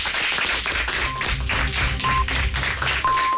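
Studio audience applause closing a Spanish-language programme just before the 1 p.m. news, a dense, steady wash of clapping throughout, with three short high beeps sounding about a second apart over it, the last one held longer.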